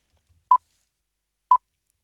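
Two short, mid-pitched electronic beeps of a quiz game countdown, in which the contestant answers on the third beep, evenly spaced about a second apart, sound clearly against silence, with no voices.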